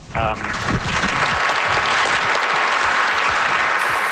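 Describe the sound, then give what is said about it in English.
Sustained applause from an audience fills the whole stretch, a dense, steady wash of many hands clapping, with a brief voice at the very start. “Yeah, it's definitely worth clapping for.”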